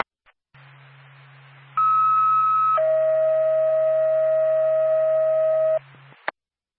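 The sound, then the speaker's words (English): A two-part electronic dispatch alert tone from NORPAC to Whitefield Ambulance: a higher steady pitch for about a second, then a lower sustained pitch for about three seconds, loud over a constant low radio hum, no voices. “NORPAC to Whitefield Ambulance, stand by for tone.”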